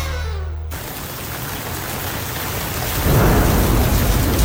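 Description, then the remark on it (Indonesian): Steady, dense rainfall hisses throughout, with a deep rumble of thunder swelling louder near the end. No voices, just the enveloping storm. “Biasanya berapa lama durasi hujan yang pernah Anda alami?”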